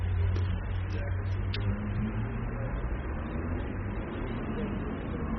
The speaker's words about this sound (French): encore un taxi, une, deux, trois voitures, un taxi, deux voitures, une mobylette qui vient très vite sur nous, une Volkswagen grise, le feu est toujours vert, une voiture qui freine un peu, une espèce de voiture de sport anglaise.